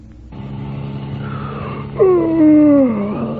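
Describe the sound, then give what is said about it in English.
A steady car engine drones throughout as a driver behind the wheel gives a loud, drawn-out yawn that sweeps downward in pitch for about a second, clear over the motor noise. “That yawn can result from long, boring hours behind the wheel.”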